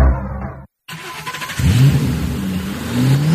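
A car engine idles, cuts out for a moment, then roars back and revs up repeatedly, its pitch climbing in loud surges with no one talking.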